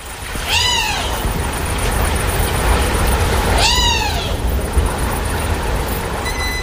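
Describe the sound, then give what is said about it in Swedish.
Two loud, drawn-out screeching calls a few seconds apart, each sliding up then down with rich harmonics, over a steady low rumble and hiss; a fledgling bird of prey, a common buzzard or goshawk, sitting in the forest begging for food, around 1 a.m. in darkness on an islet outside Karis. “Ja, en flygfärdig rovfågelunge som sitter och skriker i skogen efter mat.”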